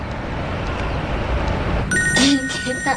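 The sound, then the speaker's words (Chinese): Low rumbling background noise fills the first half, then a steady electronic phone ring begins, a ringback tone heard from the caller's end as a father calls his daughter, sounding clearly over the hum until the end. “她肯定想你了，给她打一个。”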